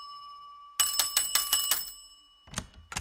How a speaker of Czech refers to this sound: Zvonil jsem třikrát